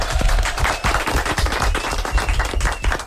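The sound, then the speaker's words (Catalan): A burst of steady applause from a group, many hands clapping in dense, overlapping bursts at a fairly even loudness for about three seconds, with no voices standing out. “Molt bé, un aplaudiment, eh?”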